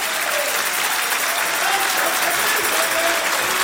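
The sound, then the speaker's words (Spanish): A church audience applauds for the Lord during a sermon, a dense, even wash of many hands clapping at a constant loud level throughout, with no break or swell. “Si vas a aplaudir, hazlo para el Señor.”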